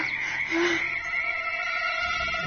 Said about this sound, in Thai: จนในที่สุดวินาทีสุดท้ายของเจ้าช้างก็มาถึงเสียงกบที่มันหลงคิดว่าอยู่ในแหล่งน้ำแท้ที่จริงคือเสียงเรียกของพญามัจจุราชนั่นเอง